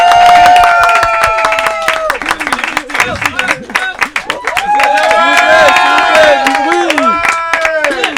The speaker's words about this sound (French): Alors, après …, après …, après …, …, nous accueillons, s'il vous plaît, un tonnerre d'applaudissements pour